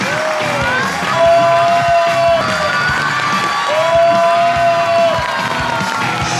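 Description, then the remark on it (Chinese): A talk-show studio audience claps and cheers loudly and steadily to welcome guest actress Wang Zixuan, with shrill whoops and whistles rising above the dense applause and no one speaking. “好吧，有请我们今天嘉宾王子璇，掌声有请。”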